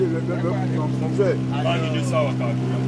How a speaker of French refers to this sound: Le moteur, c'est 15 chevaux. Un seul moteur. Un seul moteur, oui. Le moteur est sur la pirogue tout derrière. Oui, ça reste toujours derrière. On a notre système d'attaché. Et si tu attaches mal, ça ne peut pas tirer.